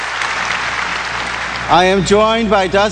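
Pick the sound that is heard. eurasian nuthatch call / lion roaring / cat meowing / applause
applause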